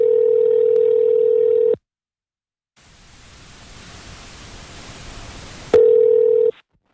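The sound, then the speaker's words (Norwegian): A steady electronic telephone tone sounds for a couple of seconds as a phone call is placed, then silence, then a few seconds of rising hissy line static, before the tone returns briefly. No voices. “Så jeg prøvde å få tak I henne. Jeg vet hvor hun bor nå.”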